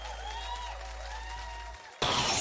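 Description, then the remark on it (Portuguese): Sustained cheering and whoops from a crowd at a live performance, then a sudden loud burst of dense applause and noise near the end. A low steady hum runs underneath most of it. “palmas, só pode fazer barulho aí.”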